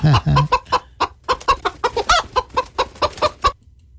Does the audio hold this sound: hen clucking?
yes